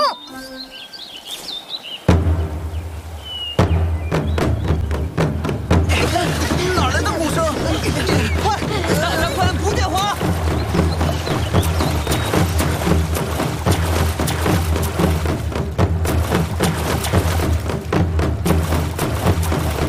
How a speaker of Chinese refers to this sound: 帮帮团，真是太谢谢你们了，还好有你们的鼓声，龙舟才没有发生危险。 这个鼓声可不是我们的功劳，是他。